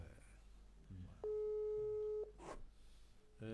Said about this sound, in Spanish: Ahí está sonando su teléfono.